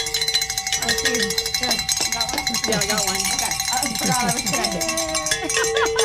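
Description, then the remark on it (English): Bells ring continuously for about six seconds, their bright sustained tones layered and shimmering at a steady loudness, with voices talking underneath. “Let's ring some bells.”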